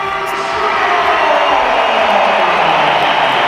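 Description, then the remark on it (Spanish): A loud, dense roar of the crowd at the Santiago Bernabéu stadium, steady applause and cheering filling the whole stretch, with scattered whistles mixed in, as Vinicius comes on as a substitute for Trent Alexander-Arnold six minutes into the second half. “Sí, más aplausos que pitos, hay pitos también.”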